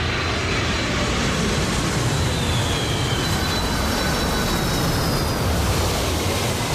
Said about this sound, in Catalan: Aleshores, en aquests casos, la Kalpana i el seu pare solen anar a l'aeroport, sí. que els hi queda a prop de casa. Es passen el dia mirant com s'enlairen i com aterren els avions.